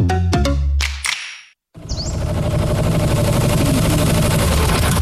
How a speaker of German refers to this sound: Wow, das klingt ja nach einem neuen Traktor.